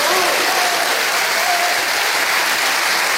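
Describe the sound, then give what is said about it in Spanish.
A thunderous ovation for Luis de la Fuente, the national team coach, as crier (pregonero) of the fiestas de La Vega: sustained applause, dense and steady clapping filling the whole stretch at high volume, with faint voices and cheers mixed into the roar. “Ovación atronadora para Luis de la Fuente, pregonero de las fiestas de La Vega.”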